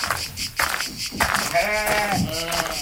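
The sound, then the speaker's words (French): Loud bleating of Solognote cross sheep, with a wavering, strongly harmonic bleat running through the second half after a couple of shorter calls and rustling at the start. “Des croisées solognotes.”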